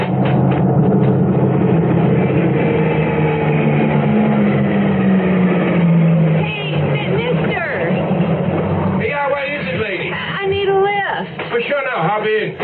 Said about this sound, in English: Okay, it's a pickup truck.